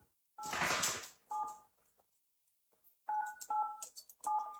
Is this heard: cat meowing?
no